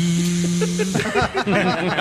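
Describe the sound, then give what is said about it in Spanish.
A voice imitates a blender whirring: a steady, buzzing motor-like hum for about a second, then shifting, sputtering vocal noises that waver in pitch. “¿Aprenderá Polilla a diferenciar el sonido que produce una aspiradora que es... al de una licuadora que es...”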